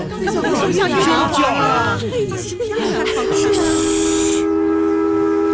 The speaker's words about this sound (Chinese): 你们听，小火车又鸣笛了。